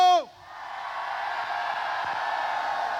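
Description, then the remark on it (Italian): A large crowd at a live Radio Studio Più event in Carmiano, Italy, erupts in a sustained roar of shouting and cheering on the host's request, loud and dense, holding steady for several seconds after a brief voiced whoop at the start. “Dato che ci sentono, possiamo farle l'urlo?”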